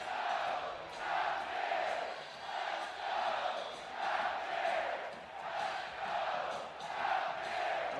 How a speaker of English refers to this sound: Crowd here in Morgantown. How they've been the past 2 weekends.